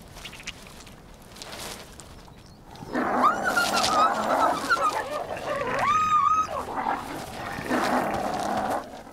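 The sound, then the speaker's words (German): A male and a female wolf snarl and growl at each other in a loud scuffle that erupts after a few quiet seconds, with high whining yelps cutting through the rough growling. “Wölfe haben ein hochentwickeltes Sozialverhalten. Rüde und Fähe sind darauf bedacht, ernste Verletzungen zu vermeiden.”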